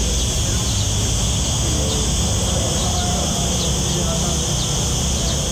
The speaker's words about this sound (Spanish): El sonido de las chicharras, Carlitos. Sí, señor. Madre mía. El chicharrismo. Siempre presente en los parques y jardines de la ciudad y más ahora pues en este periodo estival con las altas temperaturas.